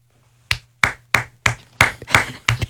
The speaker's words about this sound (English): Pity claps in the corner.